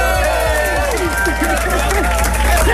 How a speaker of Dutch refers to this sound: Nou ja, we hebben hier een 538 kroeg vol met publiek. Lief publiek, mag ik een heel groot applaus voor de beste zangeres van het land.